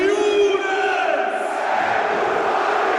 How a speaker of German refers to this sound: Ja, bei ihm schreien sie noch ein bisschen lauter. Der Mann aus dem Frankfurter Nordwesten und die Nordwestkurve, die ist da laut, wenn sie seinen Namen brüllen.